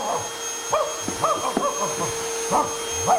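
A dog, Inspector Max, barks in several short bursts, some doubled, at a cleaning worker eating a sausage pastry after sniffing around the Chega party office in the Portuguese Assembly, over a steady mechanical droning hum like a vacuum cleaner running.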